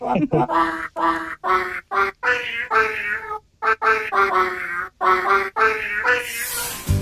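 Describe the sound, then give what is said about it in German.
A male cat named Teifi meows over and over in a long, loud string of drawn-out, wavering calls with brief pauses between them, almost like singing, and no one talks. “Ja, was maunst denn Teifi da für uns,”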